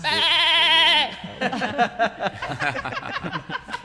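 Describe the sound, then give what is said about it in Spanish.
A single wavering, nasal goat bleat lasts about a second, loud. Quick, lively talk from people follows immediately. “Cierto, era una cabra, profesor.”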